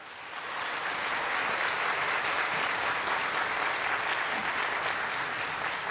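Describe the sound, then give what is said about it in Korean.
Sustained audience applause for a brass ensemble after their opening performance, a dense, steady wash of many hands clapping that swells in over the first half second and holds at an even, fairly loud level throughout, with no voices. “네, 오늘 오프닝 무대 열어준 … 여러분들에게 다시 한번 뜨거운 박수 부탁드립니다.”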